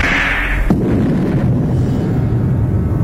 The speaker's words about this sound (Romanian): Aud un tunet, Zeus!